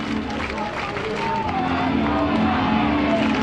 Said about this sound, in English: You see, hear the Sod Poodle front office staff that's made the trip from Amarillo to cheer on the team.